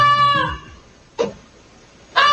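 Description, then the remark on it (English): A pet goose in Texas, which alerted a family to a barn fire, honks three times, loud: a long, drawn-out nasal call, then two short sharp honks separated by brief pauses. No one speaks. “A pet goose in Texas is getting credit for saving a family's life after it alerted them to a barn fire.”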